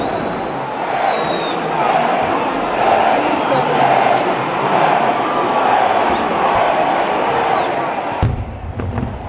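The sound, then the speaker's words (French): A packed crowd fills Piazza Vittorio Veneto in Matera at nearly midnight, as a papier-mâché float arrives, with a dense, steady roar of overlapping voices, broken by a couple of high, drawn-out whistle tones before the din cuts off abruptly near the end. “La place, elle est encore pleine de gens.”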